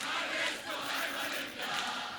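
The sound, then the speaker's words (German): A large concert crowd claps along in rhythm at the performer's urging, hundreds of hands merging into a loud, dense wash of noise that swells and dips in a steady pulse. “Und wir klatschen im Zug, Zug, Zug, Zug.”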